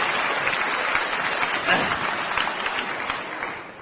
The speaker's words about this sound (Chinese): 来吧，掌声这么热烈，你肯定唱的错不了。